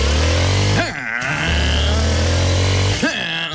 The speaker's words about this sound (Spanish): La clave de hoy, dame sonido de moto. Esa vaina, arranquemos, papi.